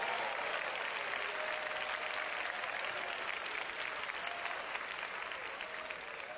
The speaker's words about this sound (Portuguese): Podem dar glória a Deus, podem bater palmas para Jesus.